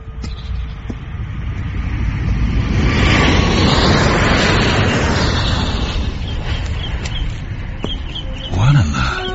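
A low airplane passes directly over the grounds on its daily way to the airport, its broad rumbling roar swelling to a loud peak and then slowly fading, with a brief murmur near the end.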